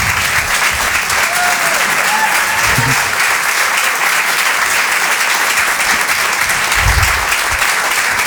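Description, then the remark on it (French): Loud, sustained applause from a large audience fills the whole stretch, a dense steady clatter of clapping with a few whoops and cheers rising above it, welcoming comedian Romain Doduic onto the stage at a Rire et Chanson comedy show. “Faites du bruit, s'il vous plaît, pour Romain Doduic.”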